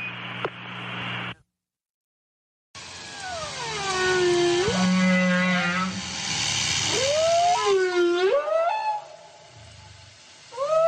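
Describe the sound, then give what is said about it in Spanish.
Humpback whale song in the Mediterranean Sea: long, sweeping moans that rise and fall, followed by several upswept, wavering cries, fairly loud over a steady hiss after a brief silent gap. “Aunque la presencia de ballenas jorobadas en el Mediterráneo sea considerado inusual, se sabe que sus visitas se han incrementado en los últimos años.”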